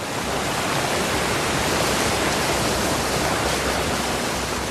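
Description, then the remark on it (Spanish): A steady, dense roar of a river's water rushing between heaps of stones and leaping in waterfalls, loud with no pauses or voices. “Entre montones de piedras discurren, sonoras y relampagueantes, las aguas de este río. Saltan en cataratas que forman como velos de novia con sus espumas.”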